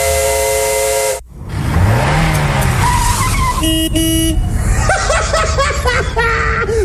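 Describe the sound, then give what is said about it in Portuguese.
An old, heavily smoking car's engine roars and rattles for several seconds, broken by a short dropout, with shrill squealing and whistling tones like tires skidding over the noisy running. “Olha a fumaceira que tá esse carro.”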